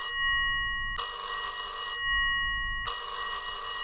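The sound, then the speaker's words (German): A telephone rings in two loud, bright bursts of about a second each, separated by a pause, with a low rumble underneath between rings. No one speaks. “Wer ruft denn jetzt an? Ja, ich gehe mal kurz ans Telefon.”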